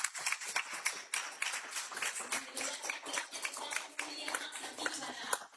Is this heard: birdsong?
no